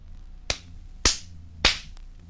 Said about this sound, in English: Number 14 was the palm of my hand.